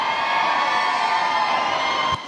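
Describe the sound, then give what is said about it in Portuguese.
A crowd of women at a dance party shouts and cheers together on the host's call in a loud, sustained roar that holds steady for a couple of seconds before dropping off abruptly at the end. “Tá fraquinho, quero escutar com mais alegria, com mais energia, atenção novamente, o grito das mulheres.”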